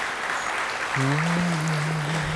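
Steady crowd applause, a dense, even patter of clapping that runs the whole time, with a low sustained hum joining in partway through.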